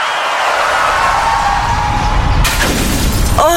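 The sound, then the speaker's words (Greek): A rising whine and rumble build before a sudden loud car crash, followed by bright shattering glass and tinkling debris settling. Forceful, with no voices. “Γυναίκα, τι έπαθε το αμάξι? Δεν έφταιγα εγώ.”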